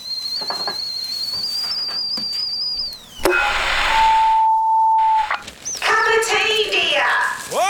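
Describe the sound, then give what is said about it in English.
A kettle whistles with a steady, shrill high tone for about three seconds, rising slightly in pitch, then stops abruptly as a burst of hiss and other chirpy sounds follow. “The kettle's on.”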